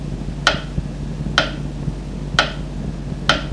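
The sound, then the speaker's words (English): A clock ticks steadily, four crisp clicks spaced about a second apart, over a low, constant background hum with no voices. “Still I scream when time ticks.”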